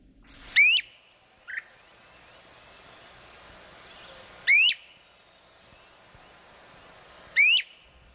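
A great crested flycatcher calls three times with loud, rising whistled "wheep" notes spaced a few seconds apart, plus one brief softer chirp, over a steady hiss of background noise.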